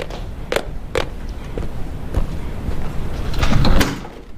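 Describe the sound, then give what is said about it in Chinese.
A door with a passcode lock is opened for a visitor: a couple of sharp latch clicks, then a longer scraping, sliding rumble that swells briefly before fading. No one speaks. “以后进门按密码就行了，不用敲门啊。”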